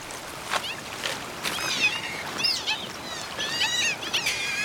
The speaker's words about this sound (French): Je reconnais ce cri qui se situe entre la porte qui grince et le chat qui miaule. Ça serait une loutre d'Europe que ça ne m'étonnerait pas.